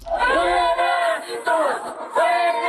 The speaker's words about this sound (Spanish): Lo escuchamos, el grito de fuera gringos.